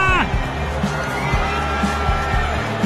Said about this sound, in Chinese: 在欢呼声中，球场上的这一支再见安打不仅逆转了比分，也完美诠释了那句话，不到最后一局不知道胜负。